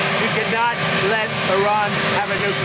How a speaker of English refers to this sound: He's talking in front of a loud helicopter.